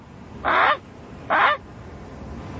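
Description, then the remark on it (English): A person's voice imitates a Canada goose, giving two loud, harsh honks about a second apart, each short and nasal, with quiet background between. “Canada guy. Goose.”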